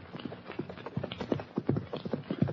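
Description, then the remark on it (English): A horse and rider gallop hard toward Hop Along Cassidy and California near the Bar 20 ranch house at sunset, hooves pounding in a quick, rolling rhythm that grows slightly louder, with no voices over the hoofbeats. “Hop Along Cassidy and his sidekick, California, have just turned their horses into the corral and are heading for the Bar 20 ranch house when a horse and rider bear down on them at a fast gallop.”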